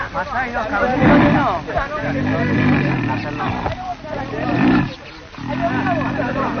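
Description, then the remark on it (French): An angry young lion roars and snarls up close: two loud, rough bursts of roaring separated by lower, sustained growling that carries on almost without pause. “Taïrou, le chef, calme le petit lion, car il n'est pas bon de tuer un lion en colère”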